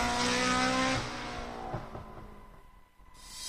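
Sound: rally car engine revving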